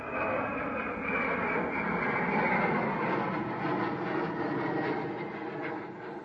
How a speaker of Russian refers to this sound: С шумом пролетает самолет.